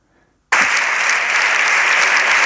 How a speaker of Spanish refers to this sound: Estos aplausos son al final de la intervención de Pedro Sánchez, todos en pie en la bancada progresista.